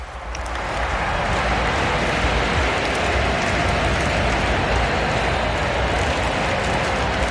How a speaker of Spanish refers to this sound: La gente está aplaudiendo a su santidad